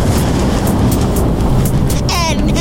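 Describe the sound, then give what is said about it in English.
A lightning strike sound effect in the Fun Kids Energy Challenge segment about electricity: a loud, steady roaring crackle with sharp bursts of sizzle running through it, and a brief warbling, wavering tone near the end. “Chill out, dude. It's just lightning.”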